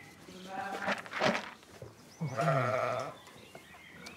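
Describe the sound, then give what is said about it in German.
Two wavering sheep bleats, the first ragged and rising around a second in, the second longer and more nasal, over a soft steady background hiss; sheep on the Bremer farm in North Rhine-Westphalia, Germany, being driven out to pasture in the morning. “So, müssen wir mal die Schafe eben Almauftrieb machen, wie jeden Morgen.”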